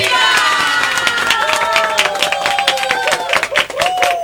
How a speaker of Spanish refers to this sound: Un aplauso para toda la gente bonita.